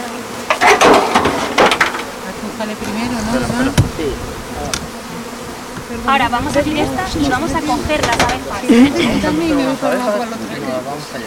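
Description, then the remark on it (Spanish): Dense, steady buzzing of many honeybees swarming around an open hive, with people talking intermittently over the constant drone. “Vamos a abrir otra y vamos a coger las abejas.”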